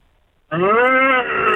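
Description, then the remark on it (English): A person imitates a cow with a single long, loud moo that starts abruptly after a short silence, holding a steady low pitch with rich harmonics and a slight rise in the middle. “That was a really good cow noise there.”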